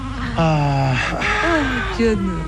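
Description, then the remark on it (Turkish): A teething baby boy cries in drawn-out, wavering wails, a few whimpering cries rising and falling over a couple of seconds against faint background noise. “Canım, güzel oğlum. Bak ağlama.”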